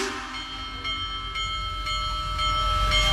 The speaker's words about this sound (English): For America's 250th birthday, the big boy steam locomotive, the biggest of all time, is on a nationwide tour. It came through Illinois yesterday. Even if you are not a train person, if you were trackside when the big boy steam locomotive rumbled past